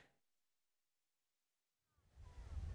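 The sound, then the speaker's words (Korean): After a near-silent stretch, a broad rush of surf swells up and roars at Haeundae Beach in Busan, South Korea, during a heat wave, waves breaking white on the shore with a loud, low-heavy wash of water. “얼음 키보다 더 높은 파도가 밀려와 바닷가에서 큰 소리를 내며 하얗게 부서집니다.”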